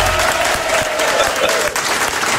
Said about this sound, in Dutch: Mag ik een applaus, alsjeblieft?